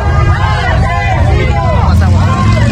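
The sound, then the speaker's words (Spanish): A crowd shouts and jeers at Cuauhtémoc Blanco as he reverses his pickup truck, helped by police, to drive off the wrong way, over a steady low engine rumble, many overlapping voices rising and falling in a loud, continuous clamor. “¿Escucha usted cómo le gritan?”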